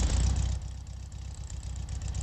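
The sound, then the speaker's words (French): An idling car engine with a rapid, steady clicking running through its low rumble, fairly loud, with no voices. “Elle chante, vous entendez ce petit clic-clic-clic-clic-clic-clic-clic-clic-clic. Il n'y a pas d'autres voitures qui font ce bruit-là.”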